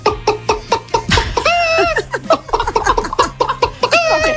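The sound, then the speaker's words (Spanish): A person imitates a hen as the first of a farmyard animal imitation repertoire, making a rapid series of clipped, throaty clucks broken by a few drawn-out squawking notes, fairly loud, with no other talking. “A ver, esto no es una imitación, es digamos un repertorio de granja de 5 estrellas. Mira, empezamos por la gallina.”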